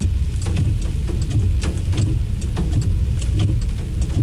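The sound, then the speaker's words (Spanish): Cars roll steadily through rainwater pooled on Calzada Zabaleta near the Ibero after intense rain, drivers maneuvering cautiously to avoid getting stranded; a continuous engine rumble mixed with hissing splashes and brief sprays as tires push through, fairly loud, with no voices. “Como vemos en las imágenes, varios conductores tuvieron que maniobrar con extrema precaución para evitar quedar varados”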